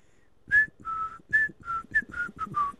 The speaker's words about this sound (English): In fact, I like to whistle ….